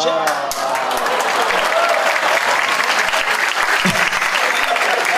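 Sustained audience applause at a comedy show fills the whole stretch, a dense steady patter of many hands clapping with a few louder individual claps standing out, no talk over it.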